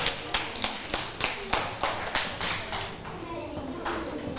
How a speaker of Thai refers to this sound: ถ้าไม่มีปรบมือให้เพื่อนด้วยค่ะ